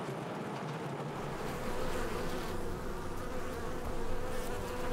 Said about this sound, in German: Von diesen Mitarbeiterinnen kann es allerdings nicht genug geben. Rund 600 Bienenvölker sind in der Obstplantage verteilt. Das heißt, im Sommer bestäuben mehr als 36 Millionen Bienen die Apfelblüten.